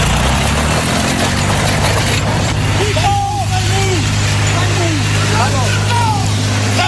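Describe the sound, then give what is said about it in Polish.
A tractor engine runs steadily, a loud, constant low drone throughout, with indistinct voices calling out over it in the second half; the tractor of a 60-year-old farmer in Gliwice, Poland, during an incident in which he damaged public road property. “Ciągnik 60-latka został odholowany na policyjny parking.”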